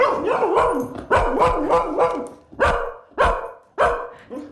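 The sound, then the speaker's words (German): A dog barks repeatedly, with several loud, sharp barks spaced out in an uneven rhythm, some drawn out slightly. No one speaks. “Dann ist eure Katze jetzt möglicherweise irritiert und euer Hund horcht auf.”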